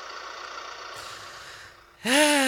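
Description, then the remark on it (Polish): A truck engine idles with a steady, droning hum, then about two seconds in it jumps to a louder, rising whine as if revving up. No one speaks. “To czekamy aż się ciężarówka.”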